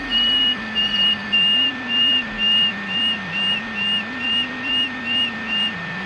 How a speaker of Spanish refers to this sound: el sonido más reputado, el más conocido, el más cantado y alabado es la canción del ruiseñor común